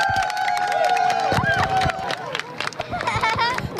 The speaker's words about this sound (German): Dann ist es endlich soweit. Die Sonnenfinsternis erreicht ihren Höhepunkt und Jubel bricht aus.